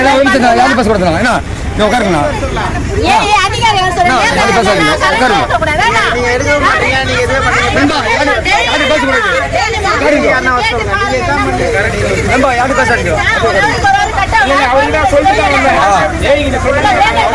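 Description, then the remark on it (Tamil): A crowd of residents arguing loudly at once with electricity board employees at a road blockade protest over frequent power cuts in Ennore, Chennai, many overlapping voices shouting in a dense, continuous hubbub, with a faint hum of road traffic underneath. “மின்சார வாரிய ஊழியர்களுடன் பொதுமக்கள் கடும் வாக்குவாதம் செய்தனர்.”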